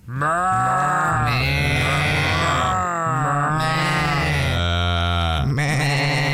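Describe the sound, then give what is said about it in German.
A man's voice on RBB 88.8 radio imitates a flock of bleating sheep: loud, drawn-out, quavering baas follow one another without pause across several seconds, wavering in pitch, with no other talk. “Aber passen mal auf, was Sie jetzt hören hier auf RBB 88.8, das ist keine echte Schafsherde, sondern das ist ein Mann, der blökt.”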